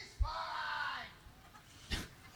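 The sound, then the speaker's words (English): A fan lets out a single long, drawn-out yell from the stands, loud and strained, over a low ballpark murmur, followed by a sharp knock a moment later. “We can hear that fan yell, he's fine.”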